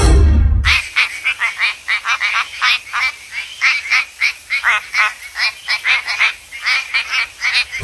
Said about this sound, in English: This is the quacking frog WA. Quacking frog from WA.